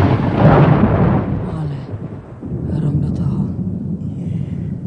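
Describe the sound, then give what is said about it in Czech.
A loud, deep rumble of thunder rolls in during a storm with lightning, swells and slowly fades, then a second lower rumble builds as the storm grumbles on continuously throughout. “No, není hrom váš strejda.”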